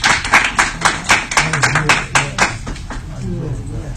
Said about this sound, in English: Come on, give the Lord a hand clap of praise as we stop here tonight.